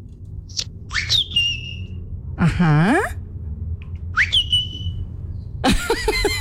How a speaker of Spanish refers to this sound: Dice, ya conocemos el silbido y los nenes empiezan a buscar dónde está él.